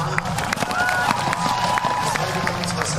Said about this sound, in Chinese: 另外呢，这对组合能感觉出来，在观众的欢呼声当中，他们是很享受比赛的。